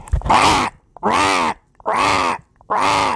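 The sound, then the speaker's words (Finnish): A newly installed mail-order cuckoo in a studio clock sounds a magpie call instead of a cuckoo: four loud, harsh, raspy squawks in a steady rhythm, each about half a second long with short pauses between, with no talking. “Piru, sinähän on väärä lintu. Nyt takuulappu esille. Puukin perjantai-ilta. Mikä harakka tuo oli?”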